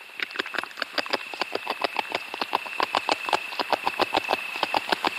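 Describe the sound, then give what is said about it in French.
A beaver gnaws on wood: a fast, steady run of crisp, scraping bites, several per second, continuing without pause over a faint high steady tone. No one speaks. “Alors, on entend un mammifère qui est en train de ronger du bois, donc on peut imaginer que c'est le castor.”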